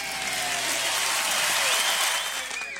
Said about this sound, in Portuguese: então eu vou atender vocês e com maior prazer, com certeza vou até aplaudir vocês aí, ó.